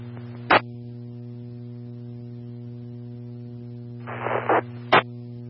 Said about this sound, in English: Calling out on 90, I'm only copying static, try again.